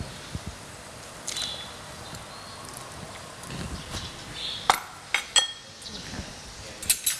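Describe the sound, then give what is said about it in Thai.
A spoon stirs boiled three-layer pork belly and bite-sized pineapple pieces in a cooking pot of Thai tom som soup, with irregular clinks and knocks against the metal over a soft background hiss, growing busier toward the end. “คนให้เข้ากันสักครู่นะคะต้มเดือดสักครู่หนึ่งนะคะ”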